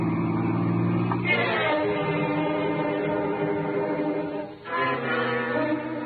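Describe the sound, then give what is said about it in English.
A car engine drones steadily on a highway, its pitch rising as it accelerates, then dipping briefly before climbing again, with continuous road noise and no voices. “He's speeding up.”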